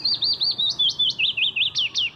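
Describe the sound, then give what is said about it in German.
A willow warbler, a small yellow-grey feathered bird, sings alone: a quick, even run of about ten sweet, high whistled notes, each a little slurred, drifting gently lower in pitch over two seconds against a quiet background. “So singt ein Fitis, ein kleiner gelb-grau gefiederter Vogel.”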